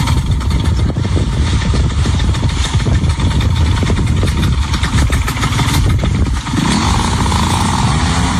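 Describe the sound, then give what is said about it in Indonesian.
A paramotor's small engine runs loudly and steadily in Lampung Province, Indonesia, its buzzing drone rough and continuous, shifting pitch slightly near the end as it revs down. “Olahraga tersebut merupakan pengembangan dari para layang dengan menggunakan mesin sebagai tenaga penggerak.”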